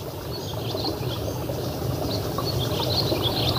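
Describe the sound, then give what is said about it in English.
Sedge warbler and reed warbler singing at once, their scratchy, chattering phrases overlapping continuously over a steady, rushing background hiss, with no one talking. “Yeah, there's more than one warbler singing now at the same time. So sedge warbler and possibly reed warbler there as well together.”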